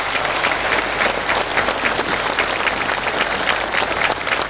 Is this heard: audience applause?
yes